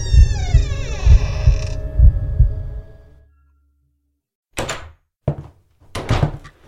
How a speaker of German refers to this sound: Das rostige Quietschen erschien mir lauter zu sein als das Pulsieren meines Blutes, das mir durch die Ohren rauschte. Und mit einem lauten Knarren öffnete sich die Tür nach innen.